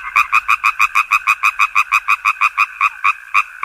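A frog croaks in a fast, steady series of about twenty sharp, loud pulses, with no talking and a quiet background between calls.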